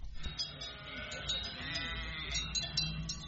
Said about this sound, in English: Polish cities hire flocks of sheep to keep their urban greenery trimmed and tidy, leaving its fleet of noisy and petrol-hungry lawnmowers temporarily redundant.